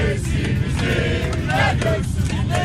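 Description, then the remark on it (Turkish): A crowd of Turkish national team football fans chants and cheers together in an airplane cabin on a flight to the USA, voices loud and overlapping over a steady low engine rumble. “Uçak içinde taraftarlar tezahüratlar yaptı.”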